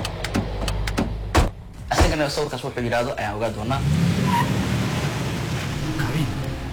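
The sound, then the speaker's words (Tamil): A car engine idles with a steady low rumble throughout, stopped at a point where the car can go no further, with a few sharp clicks and knocks near the start and voices talking briefly over the hum. “இதுக்கு மேல கார் போகாது, 15 நிமிஷம் இந்த பாதையில் நடந்து போனா நம்ம போக வேண்டிய இடத்துக்கு வந்து சேர்ந்துருவோம் சொல்றான்.”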